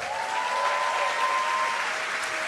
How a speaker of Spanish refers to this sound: Así que lo vamos a sentir bienvenido a esta iglesia para que siga viniendo. Y quiero que recibamos con un fuerte aplauso al pastor